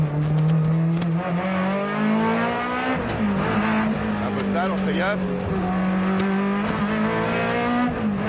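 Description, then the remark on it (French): A race car engine drones loudly and steadily at a low pitch, with dips suggesting gear shifts and a brief squeal of tires mid-run, while a man talks over it. “Oh le son. Le son est juste fabuleux. C'est une voie de plaisir cette voiture.”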